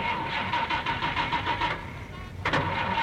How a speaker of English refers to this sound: Today I will show you the correct way to drive. Now first we turn on the engine.